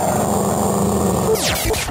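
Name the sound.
dog growling sound effect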